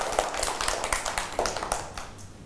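A short burst of applause from a small group, dense overlapping hand claps with a crisp, bright texture and steady loudness, no voices.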